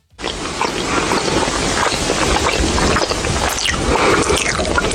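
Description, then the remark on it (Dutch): Loud, wet smacking and crunchy chewing of popcorn by someone sitting next to the listener in a cinema during a film, a dense, continuous stream of sticky mouth noises and crackles running the whole time with no talking. “En ineens hoor je iemand naast je helemaal crazy gaan met die popcorn. Dat je denkt van, hey, deze smakgeluiden zijn next level.”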